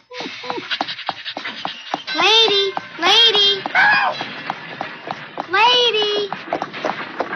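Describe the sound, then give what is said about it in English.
Steady clip-clop of horses' hooves pulling a carriage, continuous, with a few loud drawn-out vocal calls rising over the rhythmic clatter. “stop the horses.”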